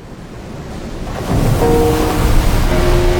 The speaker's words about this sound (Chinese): 听，港珠澳大桥下的海浪翻涌着600年前的回响，郑和未曾遇见55公里钢铁巨龙横跨伶仃洋，穿梭车流拨动时空琴弦，浪花跃动，音符激昂。